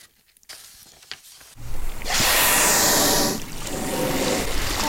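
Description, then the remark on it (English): After a few quiet seconds, a gray whale surfaces with a loud, rushing whoosh of breath that swells, peaks, then fades into a steady watery hiss. It is one of five gray whales feeding on herring eggs among kelp around a 20-foot inflatable boat in Sitka Sound in early May. “It's early May, and five gray whales weave between the kelp as they feed on herring eggs in the water around our 20-foot inflatable boat.”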